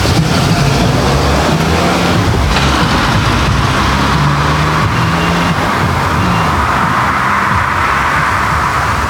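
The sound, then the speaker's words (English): Steady, loud road traffic with cars rumbling and swishing past, engine drone continuous throughout, no pauses between vehicles and no voices. “Oh, creep beat from cars.”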